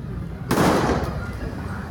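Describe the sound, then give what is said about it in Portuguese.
A single loud gunshot, fired point-blank by a military police soldier at a woman holding a knife in São Paulo, Brazil, cracks out sharply and decays quickly, with a low rumble of background noise and faint voices around it. “Ela estava com uma faca, foi em direção aos PMs e um soldado da polícia militar dá um tiro a queima-roupa. A gente tem o momento do disparo e ela armada com uma faca, mas com a faca em direção ao chão.”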